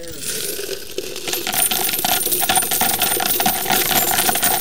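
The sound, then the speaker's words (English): A steady cascade of coins is dumped and clatters into a metal container, a dense, continuous metallic jangle lasting several seconds, fairly loud. “Do you guys screen these for valuable coins?”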